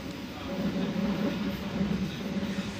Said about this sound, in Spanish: El tren pasa por viñedos y huertos.